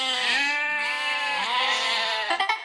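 A single sheep lets out a long, loud, quavering bleat, its wavering cry holding for a couple of seconds before breaking into a few short stuttering bursts at the end.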